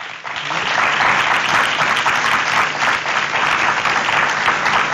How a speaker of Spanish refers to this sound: le damos el aplauso por favor.